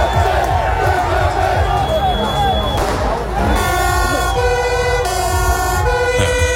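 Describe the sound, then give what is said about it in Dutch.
A loud, dense crowd of a few hundred people protesting in the evening against an emergency shelter for asylum seekers in Loosdrecht roars and shouts continuously while fire engine sirens wail over it, steady high tones joining in the second half as the din of voices keeps going underneath. “Beetje geluid van gisteravond. Er waren een paar honderd mensen uit de buurt, maar ook van verder weg.”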